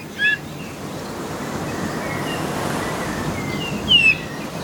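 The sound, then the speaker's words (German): Two short, high whistled bullfinch calls, one at the start and one near the end, sounding oddly plover-like over a steady roar of wind and surf. “Jedenfalls klingt er jetzt so ein bisschen wie so ein Sandregenpfeifer oder Richtung Kiebitzregenpfeifer, sowas. Also sehr ungewöhnlich und anders als unser Gimpel.”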